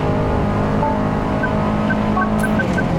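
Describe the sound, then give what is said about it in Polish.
A rally car's engine roars steadily on a race track through a long corner, a dense, throaty drone with harmonic whine, easing slightly as the driver lifts off the throttle, with faint tire noise and no talking. “Tutaj lekko puściłem gaz, bo czułem, że wynik samochód nie wyrabia.”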